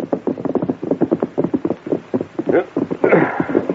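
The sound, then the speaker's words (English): Horses' hooves clop in a quick, steady rhythm, then grow heavier and more scuffing toward the end as the Lone Ranger and Tonto rein up to a stop and dismount beside a dark, tumble-down ranch house at the side of the trail. “The Lone Ranger and Tonto reined up and dismounted.”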